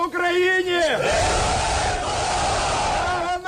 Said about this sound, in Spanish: Así se ha recibido en Ucrania los 205 prisioneros de guerra entregados por Rusia en las últimas horas, una caravana de autobuses que anunciaba los abrazos y aplausos emocionados al recibirlos de nuevo en casa.